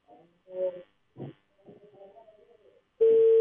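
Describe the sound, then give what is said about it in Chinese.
A reporter's phone call to Mr. Hu, head of the China Construction Second Engineering Bureau's Songjiazhou resettlement project department, connects with a few short, wavering tones and rings once before being hung up. It goes quiet, then a loud, steady busy tone cuts in abruptly and holds. “电话刚响一声呢，就被挂断了。”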